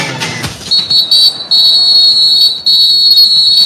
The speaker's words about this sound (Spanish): Y el árbitro suena el pitazo y dice que el partido en la segunda parte ya arrancó.